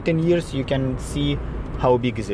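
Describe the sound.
A car rumbles steadily along a potholed central street in a fast-developing former fishing village in Cyprus, its low engine and road noise running continuously beneath a person talking.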